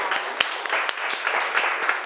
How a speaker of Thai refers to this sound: ปรบมือดังๆให้ตัวแทนจากกลุ่มที่3